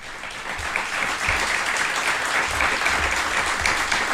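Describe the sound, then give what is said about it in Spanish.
A crowd in Gallipienzo applauds steadily and loudly during a radio broadcast, dense clapping filling the whole stretch without pause, with no one speaking over it. “Y yo lo primero que quiero hacer es pediros a quienes nos acompañáis aquí en Gallipienzo que nos acompañéis, por favor, con un fortísimo aplauso que se va a oír seguro a través de la radio.”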